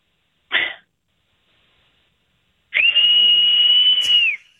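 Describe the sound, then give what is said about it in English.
A short breathy burst, then a loud, steady high-pitched whistle blown outdoors, held for nearly two seconds before trailing off, with a faint echo-like ring around it. No one speaks. “Oh, my God, you hear the echo?”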